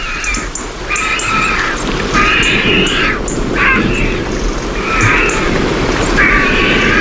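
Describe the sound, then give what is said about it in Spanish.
Water drips steadily from holm oak canopies onto the ground after a downpour, a dense patter of small drops, while harsh cackling calls of vultures ring out repeatedly over it, in the late afternoon as a storm moves off toward Gredos. “ya solamente escuchamos el goteo del agua que cae de las copas de los árboles de las encinas sobre el suelo”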